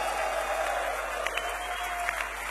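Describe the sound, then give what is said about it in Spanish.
An audience applauds to a band in a steady, dense wash of clapping that holds at an even level for the whole stretch, with a faint sustained tone humming underneath and no voices. “Ese aplauso a ….”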